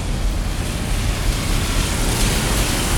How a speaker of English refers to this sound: And yeah, after weeks and weeks of historic dry summer, the rain is falling now.